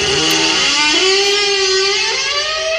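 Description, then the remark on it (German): A car engine from the 1980s TV series Knight Rider revs loudly and continuously, its rich harmonic whine stepping up in pitch about a third of the way through, then holding a steady high drone. “Beste Serie. Knight Rider.”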